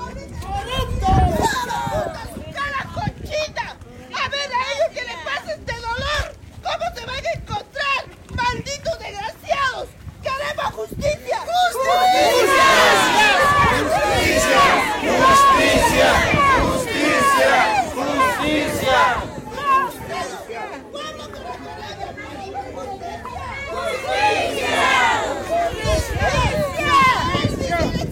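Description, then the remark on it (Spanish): A crowd of protesters accompanying two coffins at the door of the Public Prosecutor's Office (Fiscalía de la Nación) in Parinacochas, demanding justice, shouting and chanting together, voices overlapping in a loud, continuous roar that swells around the middle and stays intense, with individual yells breaking through the din. “De los que están acompañando estos dos féretros están en la puerta del Ministerio Público y piden justicia.”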